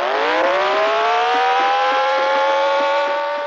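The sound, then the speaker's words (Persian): A car engine roars, its pitch climbing steadily as it accelerates and then holding a high, strained whine for several seconds, loud and continuous with no voices; a car chase in a film's final scene, with police pursuing Ali's car. “در بخش پایانی فیلم شاهد یک تعقیب و گریز هستیم. پلیس ها ماشین علی رو تعقیب میکنن”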